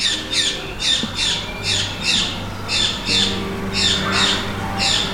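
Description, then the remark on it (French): A bird squawks repeatedly in loud, harsh bursts, a rapid series of sharp calls with brief gaps, with no voices over it. “Alors, il y a un oiseau qui a son opinion sur la question, mais je n'ai pas bien compris ce qu'il voulait lui dire.”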